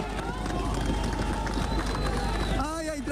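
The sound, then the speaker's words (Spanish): A dense, noisy crowd fills the scene with overlapping shouts and raised voices, a steady wash of clamor and possible clapping that stays loud throughout, as rescuers bring a 3-year-old girl out alive from tons of concrete at the Ariguaní building in Cali. “Gritos y aplausos acompañaron a los rescatistas que lograron sacarla con vida del edificio Ariguaní en Cali.”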